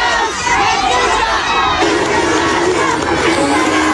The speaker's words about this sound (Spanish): A la salida del Teatro Senenense, Kass fue despedido con gritos y pifias, los cuales se mezclaron con algunos aplausos de adherentes hasta la partida del mandatario al aeropuerto de La Serena.